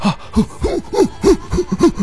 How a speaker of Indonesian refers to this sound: Wah, itu terlalu ini banget ya, memaksakan diri sampai sesak nafas.